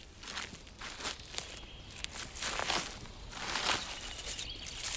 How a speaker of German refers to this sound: Als die Tochter nach einer guten halben Stunde mitten im Wald bei ihrem Teich umkehrt, hört sie etwas, aber dreht sich nicht um. Sie geht nur schneller. Doch was ist, ist. Schritte sind Schritte. Und auch die werden schneller.